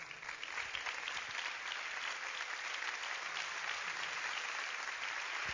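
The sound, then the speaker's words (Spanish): Sustained applause from an audience for Christ Jesus, a dense steady wash of many hands clapping at an even loudness throughout, with no voices standing out above it. “Dale ese aplauso más fuerte a Cristo Jesús.”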